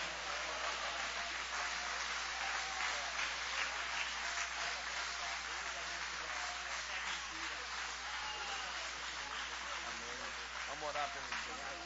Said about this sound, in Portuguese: Pode aplaudir a Deus.